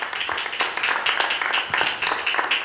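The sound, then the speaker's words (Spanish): A church audience claps for the Lord during a sermon in a steady, energetic rhythm, many palms blending into a dense, bright patter without pause. “Aleluya, dele palmas al Señor, hermano.”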